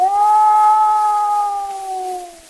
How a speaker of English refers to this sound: Hi, that is the howl of a wolf. You're listening to The Hunting Wolves, an Edison cylinder recording made by Ernest Thompson Seton in 1920. A long call that means, come, let us go hunting. That is their assembly.